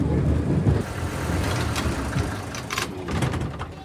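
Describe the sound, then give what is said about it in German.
The engine of a vintage railbus rumbles steadily, its low droning hum continuous throughout, with faint higher rattles and clicks rising over the running motor toward the end. “Aber wenn sich das Schienenfahrzeug hier, dieser Schienenbus, schon fährt wie ein Auto, warum soll er auch nicht Fenster haben wie ein Auto?”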